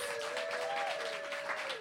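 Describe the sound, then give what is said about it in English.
An audience applauds the readers at a reading event steadily, a dense wash of many hands clapping at once with a faint sustained tone humming underneath, holding at an even level throughout. “Another round of applause for all of the readers.”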